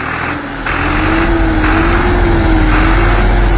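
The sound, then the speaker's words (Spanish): A tractor engine runs steadily and loudly as the tractor works, a continuous low rumble with a droning hum that holds for the whole stretch without pause. “Señor presidente, aquí está el tractor que usted nos dio. Está trabajando y con toda nuestra gente.”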